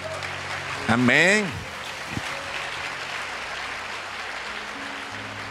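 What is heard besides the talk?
audience applauding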